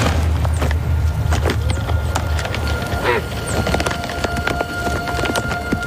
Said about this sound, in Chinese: 两只雄性野山羊的打斗引起了另一只雄性的注意，他也想加入竞争。